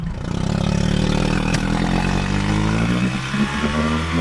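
A steady, loud motorboat engine drones on a shallow saltwater lagoon, the étang de Bages et Sigean in the Aude department, France, during a boat trip of about 2.5 km to an island. Its low harmonic hum holds constant with slight shifts in pitch, running continuously with no voices.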